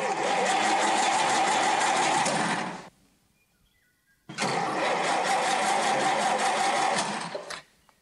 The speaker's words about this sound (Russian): Машина, зверь, слушай.